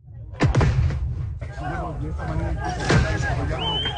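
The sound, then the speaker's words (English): Two sharp, loud bangs pop out about two seconds apart, from police firing tear gas at protesters and protesters lighting firecrackers in Bolivia, over a noisy crowd of shouting voices and steady outdoor rumble. “Police fired tear gas at protesters. Some responded by lighting firecrackers, the latest confrontation in 4 weeks of social and political turmoil.”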